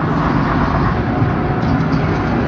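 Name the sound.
bus engine running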